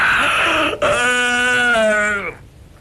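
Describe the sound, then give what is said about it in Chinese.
A man's voice imitates a yawn: a brief breathy intake, then a long, drawn-out voiced moan that sags slightly in pitch before trailing off into quiet. “徐良把门关上，在里头插好了，假装的打了几个哈欠。”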